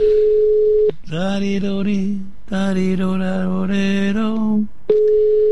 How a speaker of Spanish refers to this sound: Estoy llamando a mi amiga Mary el León, pero no me lo coge